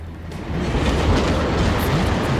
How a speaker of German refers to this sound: Nur noch wenige Meter trennen den rasenden Zug von Schrage. Und was passiert da? Im letzten Augenblick ist die Weiche umgesprungen. Der Zug rast an Schrage vorbei.